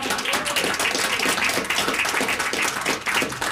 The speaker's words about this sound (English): Yeah, round of applause for Bob.